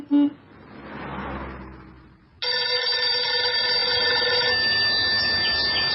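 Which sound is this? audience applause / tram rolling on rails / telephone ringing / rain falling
telephone ringing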